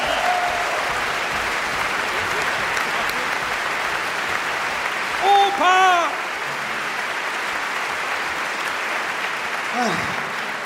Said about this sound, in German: Und ich finde, das ist ein extra Applaus nochmal nach hinten.